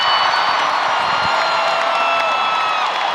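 A large concert crowd in Paris roars with sustained cheering, applause and a standing ovation as a superstar returns to the stage for a comeback show, a dense, loud wash of clapping and shouts with a few whoops rising above it, steady throughout.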